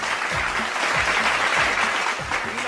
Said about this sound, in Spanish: Así que vaya el aplauso, vaya el saludo, vaya el agradecimiento a esta selección.